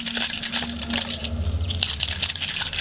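Keys jingle continuously, a bright, busy metallic rattle with rapid clinks throughout, over a faint low hum; the jingling keys of officers walking through the corridors of a detention centre.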